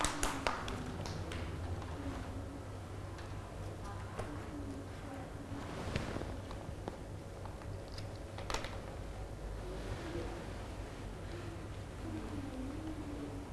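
Scattered, uneven hand claps from a group of children, fairly quiet and a little distant, with soft voices murmuring in the background.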